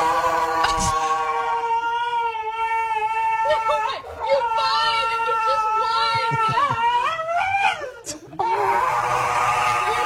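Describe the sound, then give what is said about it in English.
A dog cries dramatically in long, wavering, high-pitched wails that rise and fall almost without pause, with a few short yelping breaks, while its nails are clipped. “Here's a dog getting its nails clipped.”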